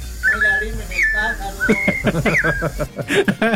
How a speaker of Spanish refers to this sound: Ya está escuchando el trinar de los pajaritos, hombre.